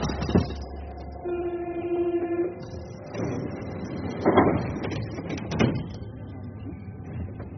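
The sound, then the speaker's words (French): A crowded Paris metro train rumbles along steadily, with a sustained tonal whine, metallic clanks and a couple of sharp knocks or door thuds; no one speaks. “Le métro est bondé et les visages moroses.”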